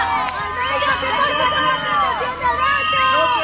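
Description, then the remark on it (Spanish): A crowd of striking early-childhood educators in Madrid shouts and yells together at the city's mayor, Almeida, many overlapping voices rising and falling in a loud, continuous clamor with no pauses. “Las educadoras infantiles en huelga recibían este martes entre gritos al alcalde de la capital.”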